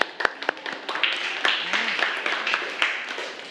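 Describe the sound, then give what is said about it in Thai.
A group of students clap together in a classroom for a classmate who correctly gave a coordinate, a burst of many overlapping hand claps with a few sharp louder ones, continuing steadily for a few seconds. “พิกัดอยู่03ถูกต้องค่ะปรบมือให้กับเพื่อนคนที่3ค่ะ”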